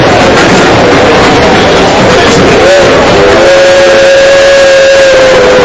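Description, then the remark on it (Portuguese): A dense, steady wash of noise at a crowded train terminal in Palo Alto, California, with trains arriving and departing and murmuring crowds, then a sustained high tonal squeal or horn rises midway and holds steadily to the end, like a train pulling in. “A estação estava cheia de gente e o trem chegava, outro trem partia e era aquela movimentação propriamente de um terminal de trem.”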